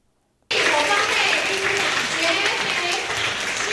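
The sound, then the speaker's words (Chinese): After a brief silence, warm applause from over 400 devotees at Puxian Temple bursts in suddenly and stays loud and steady to the end, a thick, continuous wash of many hands clapping, welcoming Venerable Jue Pi, Secretary-General of Buddha's Light International Association, to lecture on the Shurangama Sutra. “热烈掌声恭迎国际佛光会秘书长觉毗法师，以大佛顶首楞严经带领普贤寺超过400位信众，在虚拟洪流中找回不动的真心。”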